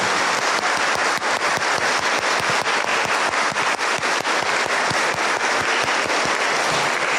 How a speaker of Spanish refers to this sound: Pues vamos a darles un fuerte aplauso a todos los papás que están aquí presentes en este su día.